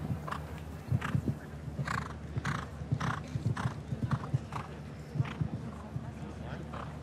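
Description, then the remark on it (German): A show-jumping horse's hooves clip-clop in a steady, repeated rhythm, with a voice speaking faintly underneath and low background hum throughout. “letzte Woche in Belgien, in Lier, den großen Preis gewonnen mit diesem Pferd Quickstep hier”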